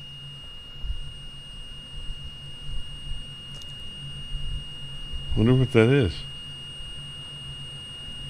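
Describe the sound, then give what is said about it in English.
A faint, steady high-pitched electronic alarm tone drones continuously throughout, unchanging in pitch, while a person briefly speaks over it near the end. “You have something, you have an alarm or something going on.”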